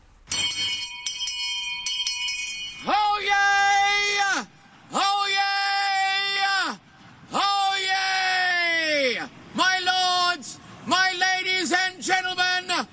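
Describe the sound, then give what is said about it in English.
A brief ringing tone gives way to a run of five long, powerful shouts from a man, each a sustained, strained bellow held for a second or two with short pauses between, very loud, reaching 122 decibels in a record-breaking attempt. “By day, he works cleaning out air conditioners, I assume by just yelling into a vent.”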